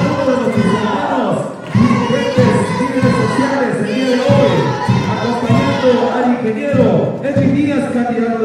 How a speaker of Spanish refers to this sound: recibe los aplausos.